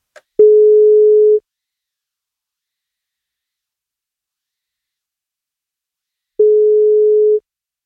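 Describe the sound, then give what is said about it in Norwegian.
Two steady, even beeps of a phone ringback tone on an outgoing Monday-morning wake-up call, each about a second long and separated by a long silent pause, sounding clean with no voices. “Tar du telefonen, så blir det jammen det kake på.”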